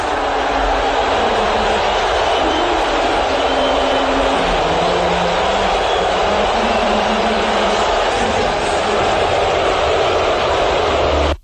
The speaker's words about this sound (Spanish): si le atormenta la idea de recibir un abucheo, tiene que saber que 11 segundos de abucheo en el Madison Square Garden es algo así.